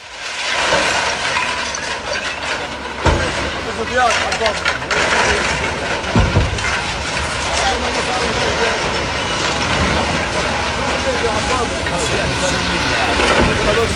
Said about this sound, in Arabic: بداية نستمع إلى هذه الأصوات التي جمعناها من عدة مواقع بناء في المثلث، في النقب، في القدس وفي الضفة الغربية.